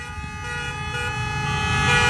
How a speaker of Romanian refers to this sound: Fiecare mașină. Ia, uitați. Da. Hai, mașinile care trec pe Vasile Milea, să dea claxoane.